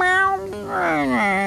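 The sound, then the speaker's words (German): A cat named Tiger lets out a drawn-out, whiny meow that rises then slides down in pitch, clear, with no other sounds around it. “Alle, außer der Katze Tiger.”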